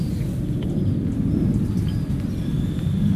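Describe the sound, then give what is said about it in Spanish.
A person, asked to imitate a pig, does so into a microphone with a hoarse, breathy, low rumbling snort that runs steadily for about three seconds, quiet, nearly voiceless and lacking any clear squeal. “A ver, repítame el cerdo.”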